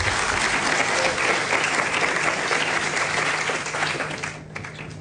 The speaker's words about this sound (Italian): Allora, ringrazio il già avvocato con cui spesso abbiamo rapporti, il ministro delle imprese del Made in Italy, Adolfo Urso, che chiamo sul palco, se mi fate un applauso per cortesia, grazie.